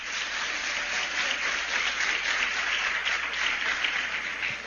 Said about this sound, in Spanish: Si se sienten bien, vamos a mandarle un aplauso a sus padres que están siguiendo esta transmisión a través de Radio Santa María, la emisora de la Gran Familia, y de La Voz de María, el canal que conduce a Cristo. Un aplauso para sus padres.